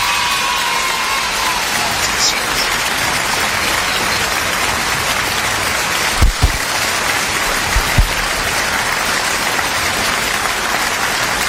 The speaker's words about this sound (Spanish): Fuerte el aplauso para Darío.